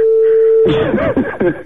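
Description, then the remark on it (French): A phone line rings on an outgoing call: one steady, mid-pitched ringback tone lasting under a second, cut off as a voice starts talking over the line. “Ça sonne. Vous entendez sonner.”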